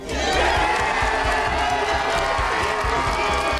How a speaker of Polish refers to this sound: To była dosłownie ogromna euforia. Wszyscy kibice, było ich ponad 100, wstali z krzeseł i leżaków i na stojąco wiwatowali na cześć Maji Chwalińskiej. Zresztą posłuchajmy, co się działo dokładnie w tym momencie, gdy Maja wygrała.